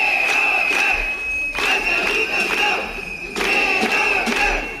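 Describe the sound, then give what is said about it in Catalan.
A crowd of protesters chants loudly in unison, the rhythmic shouted phrases repeating in bursts with brief dips between them, accompanied by a sustained high-pitched whistle; about 200 educators of children aged 0 to 3, from 120 schools, rallying in front of the Parliament. “Ja ho sentiu, prop de 200 educadores de 0 a 3 anys de 120 centres educatius es concentraren davant del Parlament.”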